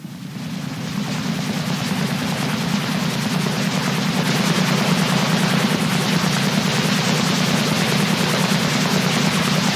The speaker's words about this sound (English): Why is that giant drone hovering over us? I don't think it's a drone. I think it's a military helicopter.